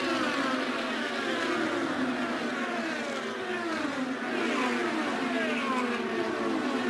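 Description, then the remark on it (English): Several IndyCar race cars, with three yellow cars running nose to tail, scream past, their high-pitched engines overlapping in a loud, continuous roar with pitch rising and falling as they go by, with no talking. “the three yellow cars run nose to tail at the entrance to turn number three”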